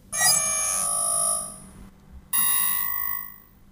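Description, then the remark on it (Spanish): An electronic alarm rings loudly in two bursts of harsh, bright, multi-tone ringing, each lasting over a second, separated by a brief gap of quiet. “¿Qué es ese ruido? ¿Qué le pasa a esa porquería de alarma?”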